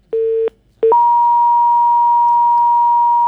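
A loud telephone line tone after a dropped call, as the phone connection to an interview guest fails: a short low beep, a brief pause, another beep, then a higher steady electronic tone that holds unbroken to the end. No voices.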